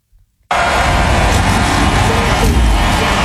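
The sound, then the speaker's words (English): After a brief near-silence, a loud, dense roar erupts all at once and holds steady as a field of race cars start their engines together after the start-your-engines command, with a low rumbling undertone throughout. “The cars are starting.”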